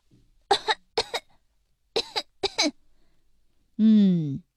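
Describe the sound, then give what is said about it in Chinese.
A child coughs forcefully on a doctor's request during a checkup with a stethoscope on the chest, sharp coughs coming in quick pairs with short pauses between, followed by a brief voiced groan at the end. “现在使劲咳嗽两声让我听听。”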